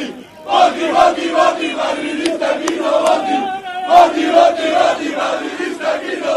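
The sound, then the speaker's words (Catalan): Dozens of FC Barcelona fans cheer and chant in unison at the doors of the Luz de Gas nightclub, greeting Barça president-elect Joan Laporta hours after the men's team won the league. The cheering is loud and continuous, with rhythmic shouted voices rising and falling in a sustained roar throughout. “Així és com desenes de culers van rebre les portes de la discoteca Luz de Gas al president electe del Barça, Joan Laporta, poques hores després que l'equip masculí es proclamés campió de Lliga.”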